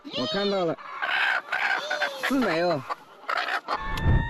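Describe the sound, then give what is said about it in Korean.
An agitated, aggressive hen clucks and squawks during egg collection in a series of harsh, wavering calls with short pauses between them, ending with a rustling thump. “하루에 여러 번 줍는 일을 반복하다 보니 일이 익숙하지만 유독 공격적인 닭이 출현할 때는 좀 힘들다네요.”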